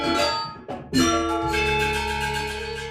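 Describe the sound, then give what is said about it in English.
Bronze gongs and metallic percussion struck several times in quick succession, their bright shimmering overtones ringing out over a deep, sustained low hum that lingers between strikes. “Gong is a very important instrument in the ensemble, and as they developed that way of making beautiful sounding gongs with a deep, rich tone and other instruments too, gradually over many centuries, they formed these big ensembles”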